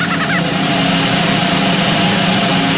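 A loud, sustained drum roll rumbles steadily for a few seconds, a dense rapid rattle with no break, building anticipation with no voices over it.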